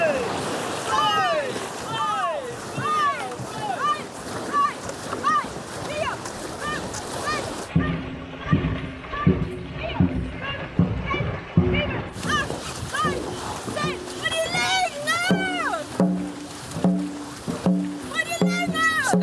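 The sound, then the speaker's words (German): A boat crew paddles on a helmsman's commands. Paddles splash into the water in quick, steady strokes, a rhythmic series of wet slaps, while several voices call and shout over the top throughout. “Paddeln. Paddeln ins Wasser?”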